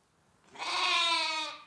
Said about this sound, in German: Wo Lämmer blöken, da sind auch ihre Mütter nicht weit. Und wo Schafe mit Lämmern sind, ist Milch.